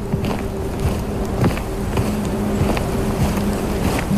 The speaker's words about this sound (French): Du vent. Qui se cogne.